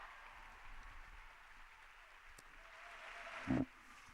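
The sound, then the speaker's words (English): Steady, sustained applause from students, professors and others gathered in a hall at Sapienza University as the Pope walks in, a soft continuous wash of clapping with no voices, briefly swelling with a louder burst near the end. “The applause is still going on, and we're expecting this part to take maybe half an hour.”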